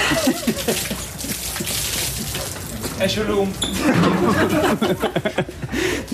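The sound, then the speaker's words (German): Beer is sloshed out of cups and splashes down over winger Tim Horntke in a quick wet burst, the obligatory beer-cup shower given by teammate Lagergren after Magdeburg's early championship title, surrounded by lively voices, chatter and a bit of laughter. “Kollege Lagergren spendierte die obligatorische Bierbecherdusche.”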